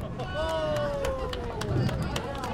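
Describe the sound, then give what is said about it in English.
At a bowling alley, a birthday girl and her family clap in a brief, uneven burst of sharp hand slaps for a bumper-assisted spare, over steady background chatter and hubbub, with voices and a drawn-out tonal sound sliding underneath. “the birthday girl and her family applaud a bumper-assisted spare.”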